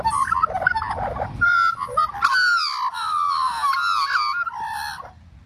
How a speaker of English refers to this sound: And magpies are the most iconic bird, I think. Let me give you a moment of magpie then as we get to know it better.